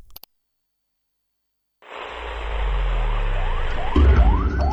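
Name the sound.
ambulance siren sound effect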